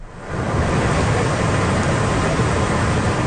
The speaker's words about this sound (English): Video shows a major river overflowing in Kyoto. Much of the country was battered by two tropical storms, triggering landslides and flooding.